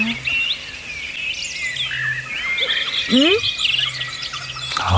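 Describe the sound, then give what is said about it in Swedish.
A dawn chorus of wild birds, with many overlapping high chirps, whistles and trills singing continuously, plus a few brief rising calls; a faint low hum sits underneath. “Fantastisk kör från Uppland, men jag vet att Västerbotten och Brånsjön inte står långt efter när det gäller ljud.”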